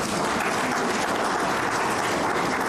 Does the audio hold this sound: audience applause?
yes